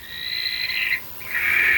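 A barn owl gives two long, harsh, hissing screeches, the first about a second long, then a brief gap before a second rasping shriek. Fairly loud, with no voices.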